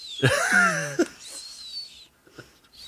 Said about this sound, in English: Is the nose whistle back? How's he sleeping?